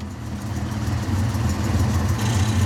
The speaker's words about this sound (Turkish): Evet, araba çalışmaya devam ediyor. Sorunu bu işte.